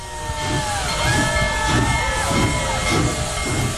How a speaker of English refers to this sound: The locomotive is called Big Boy Number 4014. It left Denver Wednesday morning and arrived at Greeley's 10th Street crossing. Hundreds of spectators cheered as the locomotive bellowed black steam and rang its bell.